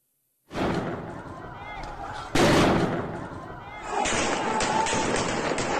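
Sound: gunshots fired at protesters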